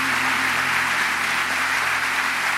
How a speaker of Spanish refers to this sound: Fuerte ese aplauso para el Señor en esta tarde.